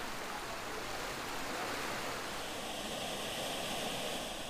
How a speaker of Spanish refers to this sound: El cantón de Belén pertenece al área metropolitana de San José. Aquí vive 1 millón de personas y por todas partes brota agua del suelo. Hay decenas de manantiales.